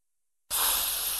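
A snake's hiss, from Kaa opening his mouth, bursts in after a moment of silence, a loud, breathy rush of air that holds steady to the end without any voices.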